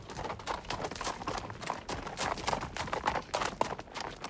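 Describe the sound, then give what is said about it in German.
Horse hooves clip-clop at a steady trot, a quick run of sharp, regular hoof strikes with a faint outdoor background and no talking; horses of a historic pack-horse train travelling along the Isel river to Matrei. “Die Russen sind uns vorgegangen mit einem Trab.”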